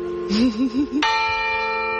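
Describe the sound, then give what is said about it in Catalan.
A church bell tolls a death knell, signalling that someone has died: one heavy strike that rings on with a long, sustained hum, preceded by a wavering, beating tone from the bell before it. “Aquest és el toc de difunts, Clara, quan el sentis vol dir que s'ha mort algú.”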